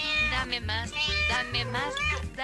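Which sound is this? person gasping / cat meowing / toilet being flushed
cat meowing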